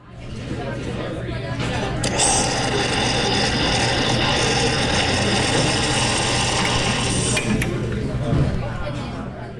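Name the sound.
espresso machine brewing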